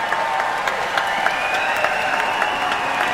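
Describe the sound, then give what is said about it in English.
A large concert audience applauds steadily for the concertmaster as he comes on stage for his bow, dense clapping filling the space with a few brighter claps popping out, and faint cheering woven through the sustained ovation. “would you please give him a much bigger cheer than you do on a normal Wednesday, Friday, or Saturday?”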